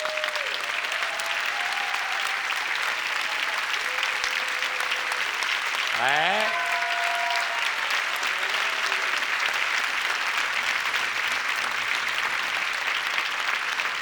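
A large audience in Sestri Ponente claps steadily and loudly for the whole stretch, a dense wash of applause with faint whistles or cheers rising briefly through it.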